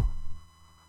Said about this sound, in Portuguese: Olha o toque do telefone do rapaz.